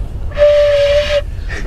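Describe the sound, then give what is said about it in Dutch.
A single breathy note is attempted on a transverse flute during an interview with James Corden, a steady pitched tone wrapped in heavy airy hiss, held for under a second before cutting off, with a faint second puff of air after. “James Corden zegt ook, misschien is er nog wel een grotere dwarsfluitist aan jou verloren gegaan dan een topspits.”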